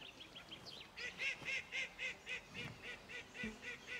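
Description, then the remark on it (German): A duck quacks at the duck pond of a farm in a steady run of about a dozen nasal, honking calls, preceded by a few thin bird chirps and soft background rustling. “Der Ententeich ist sein Lieblingsplatz auf dem Hof.”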